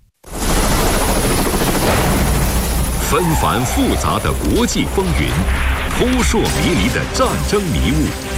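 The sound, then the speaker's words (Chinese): Loud, steady rotor noise of a UH-60M Black Hawk multi-purpose helicopter, made by Sikorsky, a Lockheed Martin subsidiary, roars for the whole stretch, a dense thrumming wash, with indistinct voices rising over it from about midway. “UH-60M 黑鹰直升机由洛克希德马丁公司下属的西科斯基公司生产，是一款多用途直升机，能够运送部队和物资，并在敌对环境中执行搜救任务。”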